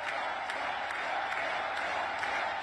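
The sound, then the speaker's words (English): Steady, dense clapping from a crowd, a continuous bright patter of many hands at an even, moderate loudness with no voices standing out. “Meanwhile, Natalie Harp is clapping like a trained seal.”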